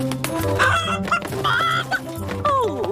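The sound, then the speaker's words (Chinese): A chicken named Gugu Ji clucks repeatedly in a busy, continuous run of calls, fairly loud, with a rising squawk near the end and no talking. “快来，咕咕鸡。”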